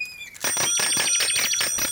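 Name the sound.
bicycle bell ringing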